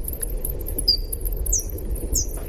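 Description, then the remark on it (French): Slowed-down bat echolocation calls, the small ultrasounds bats make to find their way in space: a few high, sweeping chirps, some in two-note pairs, ringing out over a low rumbling, crackling background with no voices. “Et donc, Gaëlle, qui a la technique, va nous passer un son d'écholocation.”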